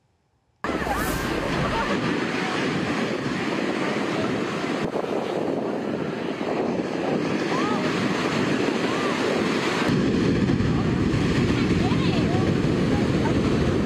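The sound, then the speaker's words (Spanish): Loud, continuous roar of heavy surf crashing on a beach in Santa Cruz, unbroken for the whole stretch, with wind buffeting the microphone on top of the churning water; strong, dangerous waves as a lifeguard rescues a boy of about 10. “Testigos intentaron ayudar varias veces, pero no pudieron hacer mucho contra el peligroso oleaje.”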